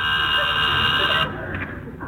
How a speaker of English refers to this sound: There's someone at the door. There is? Didn't you hear the buzzer? No.